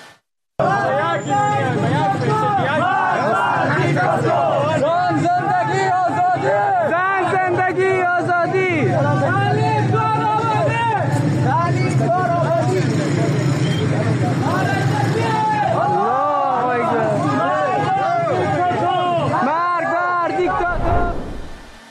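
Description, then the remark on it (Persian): A large crowd of protesters in Herat chants the slogans 'Woman, Life, Freedom' and 'Death to the dictator' together, a loud, dense mass of voices rising and falling in rhythmic waves for about twenty seconds before cutting off abruptly. “همزمان شماری از شهروندان هرات به نشانه اعتراض تجمع کردند و شعارهای زن زندگی آزادی و مرگ بر دیکتاتور سر دادند.”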